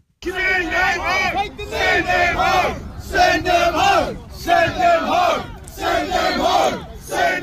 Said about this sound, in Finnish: Lontoossa mielenosoittajat huusivat iskulauseita, joissa vaadittiin maahanmuuttajien lähettämistä takaisin kotiinsa.